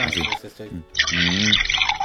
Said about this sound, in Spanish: Suena como a como que es agua, pero no, es licuado. No es licuado. Sabe muy rico, ¿eh? Hombre, plátano y manzana.